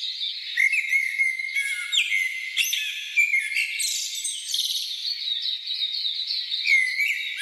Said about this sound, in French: À l'ombre des arbres, le rythme ralentit. Le bruit de la circulation laisse place aux chants d'oiseaux et aux sons de la nature.